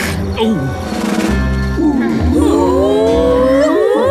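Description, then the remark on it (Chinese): A pack of hunting dogs in the Octonauts cartoon, preparing to hunt, gives off loud, overlapping growls and wavering whoops that rise and fall in pitch, following a low rumbling start and building into a busy chorus of animal calls. “我觉得他们不是在笑，这应该是他们准备捕猎的时候发出的声音。”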